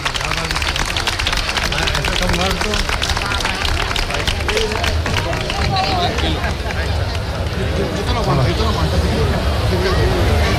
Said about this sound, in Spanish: Así que vamos a darle un fuerte aplauso